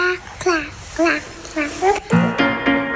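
A small baby babbles and coos in short, high, sing-song bursts, clear, as an audio track in the intro of a pop song, before a sustained tonal sound swells in beneath the final syllables.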